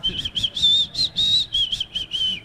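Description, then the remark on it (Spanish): A woman whistles a short, wobbly tune badly, the pitch wavering unsteadily across several breathy phrases, with no one talking over it. “A veces hay que silbar y seguir con la vida, ¿no? Pegarse una silbadita de esa y seguir con nuestra vida.”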